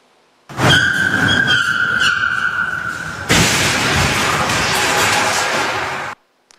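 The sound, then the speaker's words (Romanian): A stolen car's tires screech loudly for a few seconds as it leaves a parking lot, then it crashes violently through the doors of a shopping mall in Australia at about 60 km/h, with a dense, sustained roar of shattering and scraping debris. No voices. “Pe imaginile camerelor de supraveghere se vede cum șoferul pleacă din parcare și se izbește direct prin ușile clădirii.”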